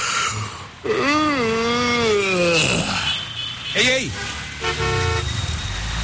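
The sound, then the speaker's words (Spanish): Car horns honk in long, wavering blasts in traffic at a driver sleeping at the wheel, with several shorter toots following, while a man shouts briefly over the traffic noise. “Eso de andarte durmiendo en el tráfico.”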